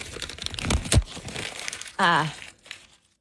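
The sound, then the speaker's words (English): Crackly crinkling of a paper sheet being crumpled and tossed, ending in a sharp snap, then a brief vocal sound followed by a few more rustles and a quick tearing noise as the sheet is ripped, before it falls silent. “Oh, crumpling of the sheet. Tossing. Oh, then there's ripping going on.”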